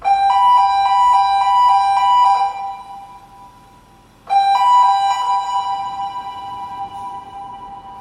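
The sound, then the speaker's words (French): A ship's engine room alarm blares loudly in a warbling, pulsing electronic tone, sounding in two long bursts separated by a brief lull, with no voices. “Ça, c'était l'alarme de la machine, ça.”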